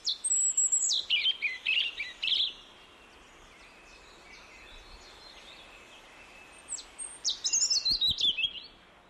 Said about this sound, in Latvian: Sarkanrīklīte ir mazs, Latvijā bieži sastopams meža putns. Kaut arī pirms sistemātiķi atdalīja sarkanrīklīti, tā bija meža strazu dzimtā un attaisno savu būšanu šajā dzimtā, jo dzied tāpat kā pārējie meža strazdi arī vakar krēslā un naktī.